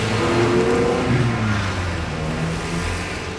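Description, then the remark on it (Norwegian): A car engine revs steadily and loudly, its droning pitch rising and falling slightly, with no voices present throughout the short stretch. “Lukten av eksos fra biler med blybensin blir den nye bylukten.”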